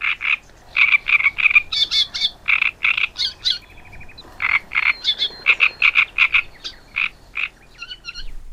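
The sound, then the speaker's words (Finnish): A great reed warbler sings loudly alone, a rhythmic run of harsh, croaking, grating notes repeated in quick bursts, broken by a few higher squeaky and whistled phrases. “Joten hyväksytään, rastaskerttunen on nimensä väärtti.”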